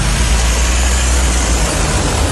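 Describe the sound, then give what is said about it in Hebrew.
A steady, loud low rumble of a convoy of cars carrying protest signs driving on the roads, continuous with broad road noise over it and no voices. “בכבישים נסעו שיירות רכבים עם שלטי מחאה עליהם.”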